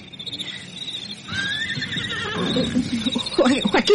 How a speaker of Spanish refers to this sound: Oye. Oye. Está relinchando un caballo.